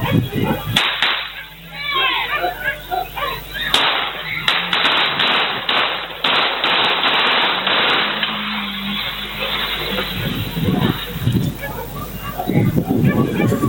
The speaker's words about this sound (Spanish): Sí, más que en las imágenes, el sonido de los disparos. Es impresionante la cantidad.